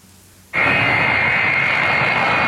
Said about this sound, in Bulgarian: Късно снощи руският самолет Ил-76 на Министерството на извънредните работи премина през въздушното пространство на България.